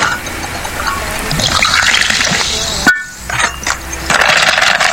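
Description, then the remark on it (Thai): Liquid pours steadily into a glass for a few seconds, a splashy gurgle that rises in pitch as it fills, followed by brief clinks and rustling. “1แก้วมาให้กับทีมงานให้กับแฟนรายการมา1แก้วนี่วันนี้คิดน้ำแข็งช้านะเนี่ย”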